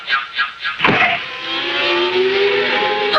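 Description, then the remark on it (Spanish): The engine of the Mach 5 race car revs sharply in a few quick bursts, then settles into a loud, sustained high-pitched whine that rises steadily as it speeds along, with no one talking. “Ah, el Mach 5 con Meteoro. Ahí va el auto de Gano.”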